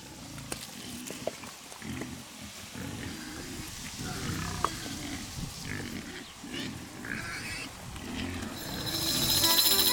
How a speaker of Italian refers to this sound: Nella sua fattoria si trovano pozze solforose, dove le sue cinte, nelle ore più calde, vanno ad immergersi. Ecco le prove.